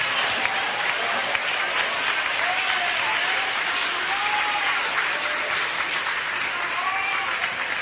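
A church audience claps their hands to glorify Jesus in sustained, dense applause, a steady wash of many overlapping claps at an even, fairly loud level, with a few faint voices calling out beneath it.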